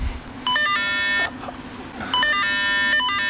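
Two bursts of bright electronic chiming tones from a cable car gate bell and ticket scanner, each lasting nearly a second with shifting pitches, over a steady low machinery hum; no one speaks.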